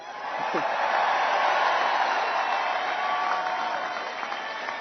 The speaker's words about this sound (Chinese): NBA 总决赛最有价值球员尼克斯后卫布伦森手捧总冠军奖杯，引发球迷的热烈欢呼。